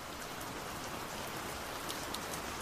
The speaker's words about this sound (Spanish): Un día, hace 234 millones de años, empezó a llover.